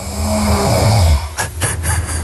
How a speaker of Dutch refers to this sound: Ja, dat, lekker diep in slaap. Een beetje snurken. Kom allemaal goed.